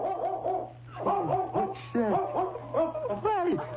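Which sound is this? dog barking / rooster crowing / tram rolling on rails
dog barking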